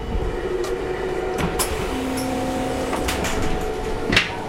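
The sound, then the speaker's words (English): A sliding door to the restaurant coach rolls open inside a moving train travelling through Germany and Poland, with a brief grinding hum and a few sharp clunks and rattles over the steady low rumble of the carriage. No one speaks. “To not disturb anyone with our conversation, we move to the restaurant coach, right next door.”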